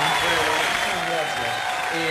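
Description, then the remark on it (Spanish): An audience bursts into loud, steady applause on the show Cultura Viva, welcoming a young folk group to the stage, a dense wash of clapping that holds at full strength for about two seconds, with faint voices mixed underneath. “Un fuerte aplauso.”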